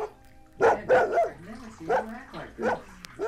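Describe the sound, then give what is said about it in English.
A dog named Banjo barks in a quick series of sharp, whiny barks and yips, about five or six bursts over a few seconds, fairly loud against a quiet background, while being chased out of a bathroom. “I'll get the dog out of here.”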